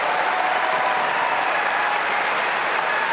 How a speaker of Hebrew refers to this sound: הקהל אוהב את זה ונותן לו במחיאות כפיים.